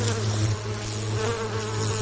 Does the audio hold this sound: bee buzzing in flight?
yes